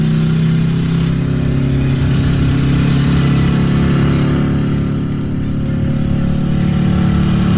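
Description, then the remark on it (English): A loud motorcycle engine roars for several seconds as the rider accelerates to 105, its deep throaty drone holding steady with slight surges as it pushes forward. No voices are heard. “Fortunately, our hog was fast, and we had a full tank of gas. As I accelerated to 105, but they were hot on our heels and some Oldsmobile wheels equipped with automatic super drive.”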